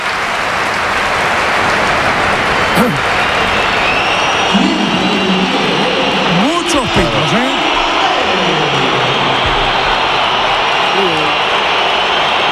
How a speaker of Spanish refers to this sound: Aplausos para Gonzalo. Y ahora va a entrar Mbappé.